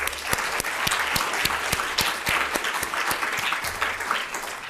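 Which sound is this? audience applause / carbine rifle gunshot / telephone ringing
audience applause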